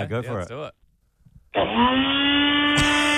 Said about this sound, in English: Blender. Wow. Yeah, there you go. All right. There you go. What do you got there, Nutribullet? Yeah, that's the one. Oh, I got the very same.